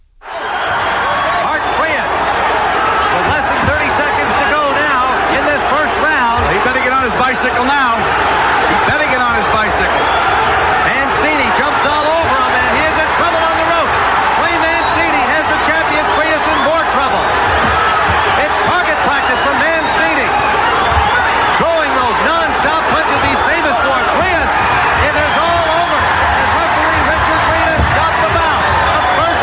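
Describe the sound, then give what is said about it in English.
A loud, continuous arena crowd roar fills the scene while sharp, rapid thuds of punches land again and again underneath, with voices murmuring through the din, as two boxers throw 33 punches in 22 seconds in the first round of a world title fight. “And to set the context, you threw 33 punches here in 22 seconds. We've just got two guys just letting fly in the first round of a world title fight.”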